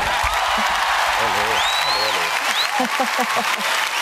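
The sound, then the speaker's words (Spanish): A studio audience bursts into sustained applause, dense and steady for several seconds, with a few whistles and cheering voices rising over the clapping, as an ovation for the creator of the show's new theme tune. “Ovación para la creadora de nuestra nueva sintonía.”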